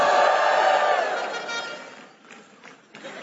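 A church audience lets out a loud, sustained shout of joy to the Lord, many voices blending into a roaring cheer that holds for about two seconds before fading into scattered calls and murmurs.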